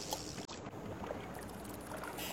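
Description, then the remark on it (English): Water sloshes and splashes as a small boat pushes off from a dock, a steady rushing wash with a few brief knocks, lasting a couple of seconds with no voices. “stepping onto the boat, pushing off from the dock, tying on the perfect bait, and casting the line.”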